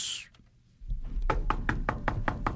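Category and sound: household object, knocking on a door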